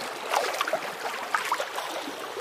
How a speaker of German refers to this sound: Ja, das wäre so die Version Ferien, ne? Vielleicht am See, vielleicht schwappt auch das Meer so ganz sachte an einen Kieselstrand. Ach, wie schön.